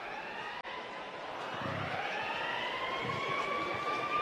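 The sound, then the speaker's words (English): An alarm siren sound effect, played during a Pirates–Cardinals baseball broadcast, wails steadily, its tone slowly climbing in pitch as it holds, loud and continuous for several seconds with a brief click near the start and no voices. “Did you sound the alarm”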